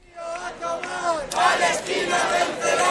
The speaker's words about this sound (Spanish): Al grito de Palestina vencerá y que viva la lucha del pueblo palestino, miles de personas se concentraban esta mañana